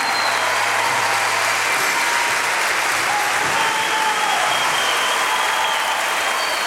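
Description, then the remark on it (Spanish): Loud, sustained audience applause for the bass player at a concert broadcast on Radio Universidad Nacional del Nordeste, a dense wash of many hands clapping at once with no pause and no voices standing out. “Fuerte el aplauso en el bajo”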